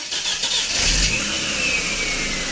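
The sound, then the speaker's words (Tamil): A car engine revs up and holds a steady, throaty roar as the vehicle pulls away, loud, with a brief surge in power about a second in and no voices. The car is setting off on a drive to Villupuram and then the Gingee route. “வண்டி எடுக்கட்டுமா? உட்காந்துட்டப்பா, எடுப்பா, புறப்படுவோம்.”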